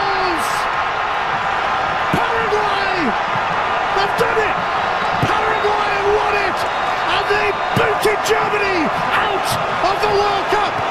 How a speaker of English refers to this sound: I think that's the same crowd noise from the clip yesterday and Friday. I think they're piping that crowd noise in. There's no way there was that many Paraguay fans.